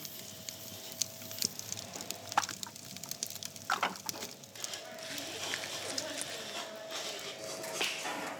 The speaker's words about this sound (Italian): Moderno ma elementare, perché deve funzionare senza elettricità. In pochi secondi, sulla lastra rovente, evapora tutta l'acqua contenuta nella polpa.